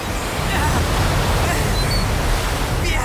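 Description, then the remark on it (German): A steady, loud roar of wind and churning sea in a heavy thunderstorm on the open sea, a dense rushing wash with low rumbling underneath and no distinct individual wave crashes. “Es erhob sich ein schwerer Gewittersturm, schwerer als ich zunächst vermuten ließ.”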